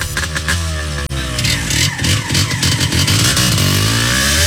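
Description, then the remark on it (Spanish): A motorcycle engine revs loudly, its throaty pitch climbing and dipping through several bursts of throttle before rising steadily again at the end, with no voices present. “Mamá Fest, amor sobre ruedas, donde los mejores recuerdos comienzan en moto.”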